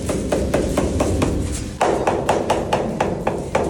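An inspector's special small hammer taps steadily on Parmigiano Reggiano cheese wheels, quick dull knocks in two runs: first a second-grade wheel, then a first-grade wheel sounding brighter and more resonant; no one speaks.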